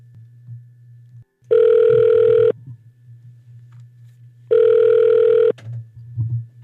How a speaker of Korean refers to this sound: 이 시간에 창원에 계신 분 그때 교회를 가신다고 했는데 가셨는지 저 진짜 아직도 잘 모르거든요. 전화 연결해서 한번 물어볼게요.